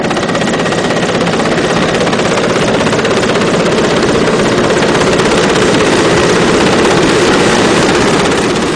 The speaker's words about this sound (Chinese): 下午5点，直升机再次飞抵核心区。不同的是，这次飞机下方有绳索和吊篮。